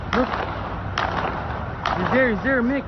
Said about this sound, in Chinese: 警方与枪手在建筑外近距离发生交火，期间一名男警员遭遇枪手伏击，中弹倒地。身穿绿色军装的枪手还冲向中弹警员位置，继续与警员近距离交火。现场枪声不断